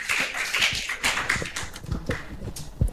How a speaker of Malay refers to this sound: Tepuk tangan tepuk dulu tangannya nih. Tepuk tangannya dulu dong.